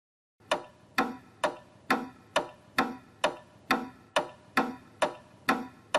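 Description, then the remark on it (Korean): A pendulum clock ticks steadily, its swinging pendulum making about a dozen crisp, even beats at a brisk regular pace, with nothing else in the background after a brief moment of silence. “자, 첫 번째 시계는 바로 추시계라고 해요.”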